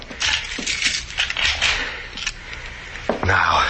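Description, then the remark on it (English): A door being locked: keys jangle and metal scrapes in a busy, uneven clatter for a few seconds, ending with a firmer clunk as the lock turns. “I will lock it.”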